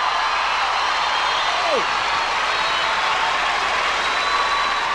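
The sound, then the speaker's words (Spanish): An audience applauds in a steady, dense wash of clapping to greet a singer, holding at an even level throughout, with a brief descending whistle-like tone cutting through early on. “quiero que saluden con un gran aplauso al querido ….”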